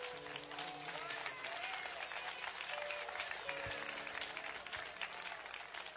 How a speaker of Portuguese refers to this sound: Tomai assento e dá uma salva de palmas bem forte e bem alegre para o Senhor.